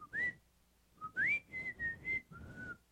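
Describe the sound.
Someone whistles a house music tune up close, a few short clear phrases with rising slides between sustained notes, with no other voices or sounds.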